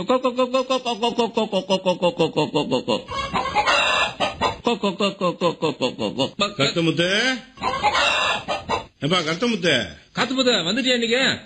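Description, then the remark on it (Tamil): Many native chickens cluck in a busy, continuous chorus of short repeated calls while being fed pearl millet and finger millet, with a person's voice talking among them throughout. “என்னப்பா காலையிலே உட்கார்ந்துட்டு என்ன கோழிக்கெல்லாம் தீவனம் போட்டு வளர்றியா?”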